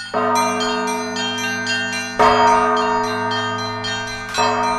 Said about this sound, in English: introduces us to the bell ringers of Holy Trinity Church in this story from 2023